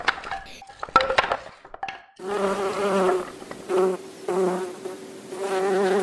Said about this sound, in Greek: Τα καταφέραμε, οι μέλισσες πετάνε χαρούμενες.